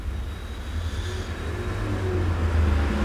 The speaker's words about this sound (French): Passe un camion Picardie Frites rue du Four, deux taxis, une voiture bleue, un taxi, une voiture bleue foncée. Encore un taxi.